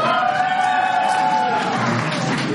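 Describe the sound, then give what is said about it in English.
A crowd claps and cheers to show they plan to party all night long, a steady, dense wash of sound, with voices whooping and shouting above the continuous applause for a few seconds. “How many plan on partying all night long tonight by a round of applause?”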